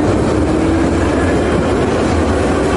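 A metro train rumbles steadily across a bridge over the Dnipro in Kyiv, a loud, continuous roar of wheels and rails with a faint clatter running through it and no voices.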